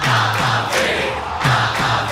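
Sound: crowd cheering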